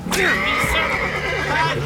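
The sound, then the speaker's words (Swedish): A horse neighs and whinnies loudly and insistently, its shrill, wavering cry stretching across the whole moment with a low rumble beneath, as it is beaten and driven into a fast-flowing river. “Fast den vill inte. Såklart den inte vill. Det är för strömt, den kommer dö. Jag måste säga, hör du det?”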